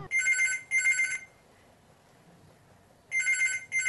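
A telephone rings in two bursts of rapid double trills, a brief pause between them, then after about two seconds of near silence the ringing starts again, loud; a call coming in to the program Hello Gorband.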